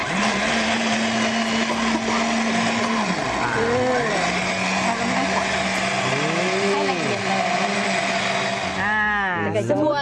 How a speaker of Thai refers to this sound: เราชั่งแต่แห้งๆก่อนนะคะ500กรัมแล้วก็ใช้น้ำ4ลิตร ค่ะ ครับปั่นเลยไหมครับอาจารย ์ปั่นเลยค่ะ ปั่นแรงเลยนะครับ